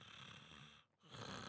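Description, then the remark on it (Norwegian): A person imitates a snore with two raspy, grunting inhalations separated by a brief pause, fairly loud, with no talking. “Kan du snorke?”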